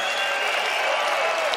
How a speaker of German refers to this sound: Das ist euer Applaus.